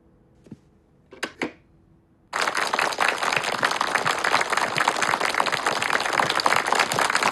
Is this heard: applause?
yes